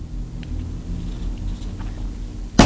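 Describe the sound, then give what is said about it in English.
Steady, low rumble of car traffic that isn't moving, with engines idling and droning, ending in a sudden loud, harsh burst of noise. “This traffic isn't moving.”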